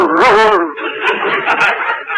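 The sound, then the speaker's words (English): A man's voice imitates a dog: a brief whining yelp, then a run of raspy, huffing breaths like panting, fairly loud and with no words. “do you realize you're even getting to sound like a dog?”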